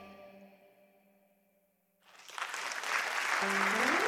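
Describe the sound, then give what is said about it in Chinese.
After a brief sustained tone fades out, audience applause for the speaker at a Sunday talk session breaks in and swells into a dense, steady clapping that keeps growing louder through the end. “谢谢，感谢大家掌声鼓励啊！”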